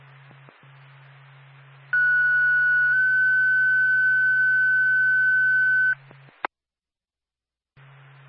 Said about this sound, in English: Four back, Grove, get an ambulance. Second tone.